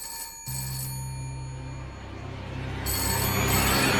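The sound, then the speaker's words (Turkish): A telephone rings steadily and fairly loudly, its bright electronic tone sustained with a low hum beneath, growing slightly stronger toward the end. No one speaks. “Telefon çalıp da kimse açmazsa kapıya polisleri gönderirler.”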